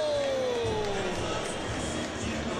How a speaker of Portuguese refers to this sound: Bernabé! Muito aplaudido também o argentino.